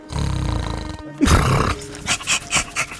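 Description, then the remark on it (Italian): A man mimics a dog, pretending to be a giant schnauzer: a low, growly rumble, then a sharp rough outburst, followed by four quick, evenly spaced barking yelps. “si desta guardingo come un vero cane. Bau, bau, bau, bau!”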